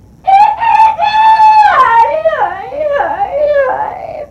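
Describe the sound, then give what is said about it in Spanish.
A rooster crows once, loud, holding a long strained note before it wavers and trails downward over about four seconds, with nothing else audible around it. “Ahora es que uno va a tener que estar aguantando ese gallo, mire.”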